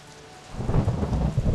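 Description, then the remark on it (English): Heavy rain pours down in a dense, steady hiss while deep thunder rumbles underneath, both swelling in loudly after a quieter start and holding for the rest of the moment. “Today, it could be pouring in many places, but not for a little while.”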